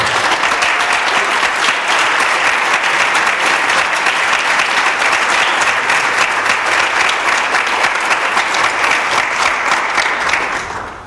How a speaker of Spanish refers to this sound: Casi les pediría un aplauso para ellos, ahora ya sí.